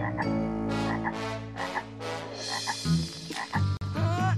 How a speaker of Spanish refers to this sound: Oh, ¡alguien viene, Cleo! ¿Será otra rana intrusa?